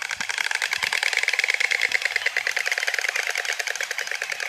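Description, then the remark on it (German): White stork bill clattering: a rapid, continuous wooden rattling of fast regular clacks lasting several seconds, fairly loud and steady, with no voices. “Es geht über dieses Schnabelklappern, ja?”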